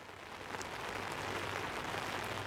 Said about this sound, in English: I hope you can still hear me. It's pouring rain here.